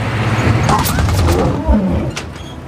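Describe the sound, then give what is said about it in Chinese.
A lion roars, a deep, rough, rumbling growl that stays loud for nearly three seconds, swelling briefly near the end before easing off. “老板，有狮子。”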